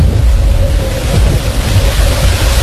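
A strong storm wind roars steadily and loudly, with deep buffeting rumbles and a constant broad rushing hiss, unbroken throughout, with no voices.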